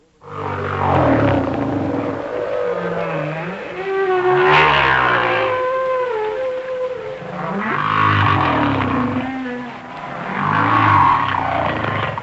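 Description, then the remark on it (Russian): Song of a giant humpback whale: long, sweeping moans and rising-falling cries in a steady series of loud phrases, with low rumbling tones underneath and brief pauses between calls. “Вначале голос гигантского горбатого кита.”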